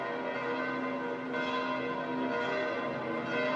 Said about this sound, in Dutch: En we horen de klokken van de Sint-Pietersbasiliek. En dat is voor ons het signaal om er tussenuit te gaan.